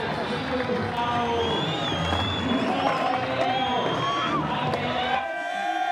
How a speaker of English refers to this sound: Pretty big crowd. Damn, Argentina.